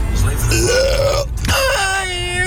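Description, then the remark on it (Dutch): A long, loud, drawn-out burp, croaky, wavering in pitch with a brief break midway before rumbling on to the end, from a listener's audio message from Hellendoorn played on the radio. “Gewoon een boer laten op de radio, ja.”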